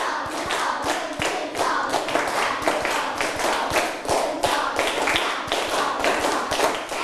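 Many hands clap together in a fast, steady stream of sharp claps that runs the whole time at an even, fairly loud level, with no talking over it.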